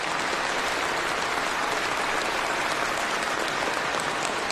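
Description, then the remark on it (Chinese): Sustained applause from a large audience at the Touching China awards stage, cheering on a couple. It is a dense, steady wash of clapping that holds at an even, fairly loud level throughout without any voices rising above it. “接下来你会听到现场会有这么多的人用掌声在为他们俩加油”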